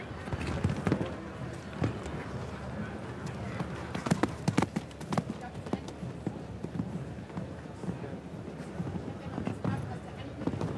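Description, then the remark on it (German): Rapid, rhythmic hoofbeats of a horse cantering in an arena at its basic pace, ridden by Steve Gerda, a steady stream of dull thuds at a brisk, agile tempo with a noticeably higher stride frequency, over a continuous background murmur. “So, deutlich in der Frequenz höher, agiler unterwegs, das Pferd im Grundtempo.”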